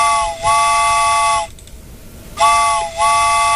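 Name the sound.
steam train whistle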